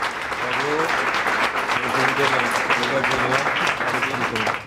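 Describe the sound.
Restaurant staff of cooks and waiters at a buffet restaurant, gathered for the daily briefing, clap steadily in a dense, sustained round of applause welcoming a newcomer, with overlapping voices and cheering mixed in underneath throughout.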